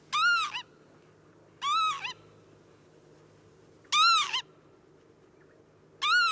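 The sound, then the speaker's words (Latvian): A northern lapwing gives four shrill, rising-and-falling alarm calls, loud, spaced about two seconds apart over a low, steady outdoor rumble, warning that an intruder is too close to its nests. “Un šis spalgais sauciens nozīmē, tu esi par tuvu mūsu līgzdām.”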